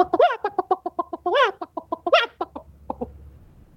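A chicken clucks in a rapid, steady run of short notes, broken by three louder, drawn-out squawks, before the clucking thins out and fades near the end.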